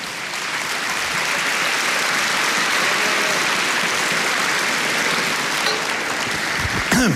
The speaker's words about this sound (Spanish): Dele palmas al Señor.